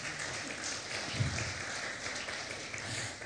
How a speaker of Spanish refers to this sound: Dele ese aplauso poderoso a Jesús.